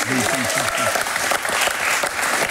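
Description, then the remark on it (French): Sustained audience applause, a dense crackle of many hands clapping steadily and loudly, with a voice briefly speaking over the start. “On peut vous applaudir,”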